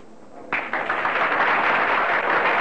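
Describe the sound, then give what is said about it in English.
A crowd bursts into applause for a singer as she walks out on the stage and bows, a sudden swell of many hands clapping that quickly builds into a dense, steady roar of sustained clapping with no voices over it. “Slowly walking out on the stage, … bows slightly to her applauding audience.”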